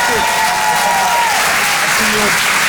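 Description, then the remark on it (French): Steady, dense applause from an audience for a performer who has just finished his act fills the whole stretch at a loud, even level, with a brief voice-like tone rising faintly over the clapping. “Faites du bruit pour”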